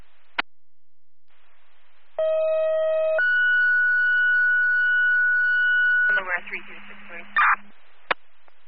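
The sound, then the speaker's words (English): A dispatch paging alert: a steady lower tone for about a second, then a higher tone held for roughly three seconds, followed by a short burst of crackly radio noise. “召唤音吗？”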